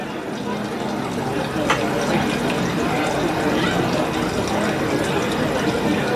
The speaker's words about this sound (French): on a aussi la possibilité, dans la restitution, de dire est-ce que la perception est la même si ce ruisseau-là qui est derrière nous, il est peut-être plutôt devant nous.